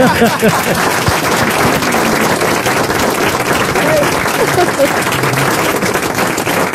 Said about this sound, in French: Je le prends pour moi, vos applaudissements.